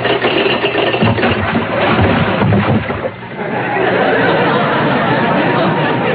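A sound effect of a ship's anchor being dropped: a loud, dense clattering rattle over a rumbling engine, easing briefly midway before a steady, churning roar carries on to the end. No voices.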